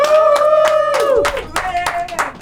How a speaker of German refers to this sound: Erstmal alle Applaus für Liv!